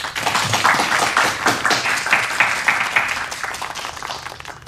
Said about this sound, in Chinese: 让我们大家为这二位同志鼓鼓掌。